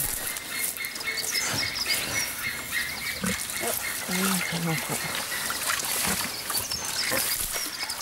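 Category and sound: household object, water running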